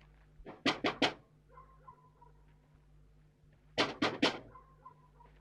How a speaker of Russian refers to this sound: На плече рюкзак, подходит к окну дома, стучит.